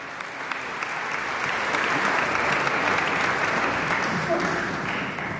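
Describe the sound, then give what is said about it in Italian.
An audience applauds a violin soloist after a concerto by Lino Liviabella, a dense, steady wash of many hands clapping that swells in the first second, holds strong and full, then eases slightly at the end. “Intanto il violinista continua a prendere gli applausi del pubblico, chissà che non conceda un bis, come spesso capita ai solisti.”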